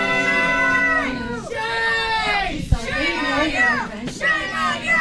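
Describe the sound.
A crowd in a Clearfield County commissioners' meeting room shouts angrily after commissioners approve, by a 2-1 vote, a contract extension with ICE for an immigration detention center; many raised voices overlapping in loud, sustained yelling and jeering that rises and falls in pitch, with a brief sharp knock partway through.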